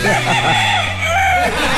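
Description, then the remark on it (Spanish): A hoarse, raspy rooster crow, loud, one drawn-out call with a wavering pitch lasting a couple of seconds, made by a radio DJ imitating a rooster. “Hoy nuestro DJ ha venido de Gallo Claudio”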